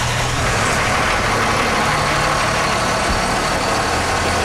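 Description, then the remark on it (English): A large fire truck engine idles at a fire station, a steady, loud low rumble with a broad mechanical hiss, running continuously without any speech. The truck is now on second-response status. “But usually after 20 years, a truck kind of gets put to a second response status.”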